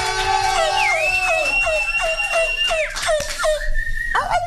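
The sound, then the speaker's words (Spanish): A long, high wolf-like howl glides upward and holds steady for a couple of seconds, then breaks off, over a lively crowd and repeated short chirping cries. “Ay, ese es como un sonido de lobo, ¿qué?”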